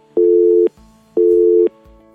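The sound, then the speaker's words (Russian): A telephone busy signal on a call-in line: two steady, loud tone bursts of about half a second each, separated by short silences, repeating in an even rhythm with no voices. “Наполегливо телефонують на номер 050. Давайте спробуємо ще раз.”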